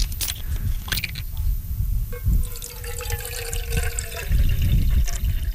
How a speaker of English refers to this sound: I'm gonna put in some water.